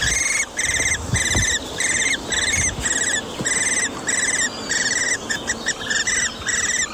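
Young Eurasian hobby chicks give insistent begging calls, a steady run of shrill, high-pitched squealing bursts repeated in quick rhythm with only brief gaps, fairly loud and without any talking.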